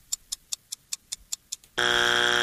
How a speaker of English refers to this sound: Ooh, that's our buzzer.